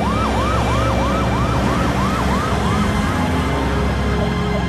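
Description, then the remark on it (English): An ambulance siren wails in rapid repeating sweeps, rising and falling over steady traffic rumble, loud, then fading toward the end. “Out of nowhere, the ambulance came.”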